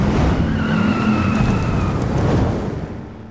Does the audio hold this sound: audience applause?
no